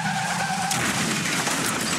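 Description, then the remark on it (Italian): Car tires screech in a loud, sustained skid before a fatal crash, with a high squealing tone over rough road noise, lasting the full two seconds with no voices, in a TAC road safety message about speeding. “Continua dritto verso un incidente mortale.”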